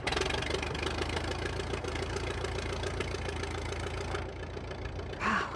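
A small aircraft engine is started and idles with a steady, throbbing low drone and a rapid rhythmic chug, loud and continuous, rising briefly in pitch near the end.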